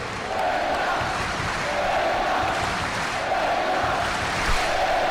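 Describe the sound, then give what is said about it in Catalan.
A large crowd of football supporters sings a chant together at the end of a match, a chant that has become customary at the end of the supporters' group's matches: a steady roar of massed voices with a repeating melodic swell rising and falling every second or so, loud and continuous. “càntic que s'ha fet, ja un habitual del final dels partits de la penya.”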